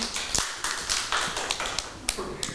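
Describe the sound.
A group of children clap their hands in a loose, uneven patter of sharp, bright claps lasting a couple of seconds, with faint voices murmuring underneath.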